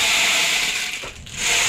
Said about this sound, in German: Ja, es ist eigentlich ein Percussion-Instrument. Das kann man auch kombinieren. Genau. Oh. Klingt wie ein Regenmacher, so ähnlich ist es auch.